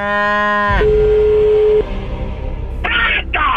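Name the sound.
cow mooing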